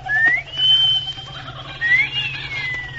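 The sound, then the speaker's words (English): A loud two-part wolf whistle: a sharp rising note that holds, then a second rising swoop gliding back down, over a low steady background hum. “Give her that wolf whistle”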